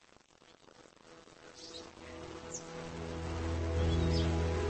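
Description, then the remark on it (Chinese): Bees buzz steadily in a dense, droning hum that swells louder over the few seconds, with a faint higher whine flickering above; no voices are heard. “蜜蜂存在于南极洲以外的所有大陆，已发现的就有近两万种。”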